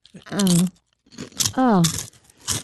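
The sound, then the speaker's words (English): Crisp crunching as people bite into crunchy food, several sharp bursts spread over a few seconds, with short voiced murmurs mixed in between the bites. “Here and Now resident chef … has several crunchy new recipes”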